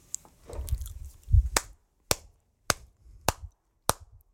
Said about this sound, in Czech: Slyšíš to, jo? Slyšíš ten potlesk, jo?